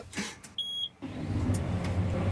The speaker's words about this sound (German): Macht den Traktor an, was steht jetzt an? Wir müssen jetzt noch ein paar neue Flächen umbrechen, die wir neu dazu bekommen haben. Ich bin gespannt, wie laut es gleich wird.